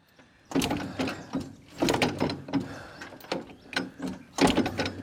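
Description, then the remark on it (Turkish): The starter of a four-stroke engine cranks in several loud, grinding mechanical bursts with a ratcheting rhythm, with the choke open and a little throttle given, turning the motor over repeatedly without it catching or starting. “Biraz gaz ver yeter. Biraz gaz. Biraz da marş. Hadi bakalım marşçı.”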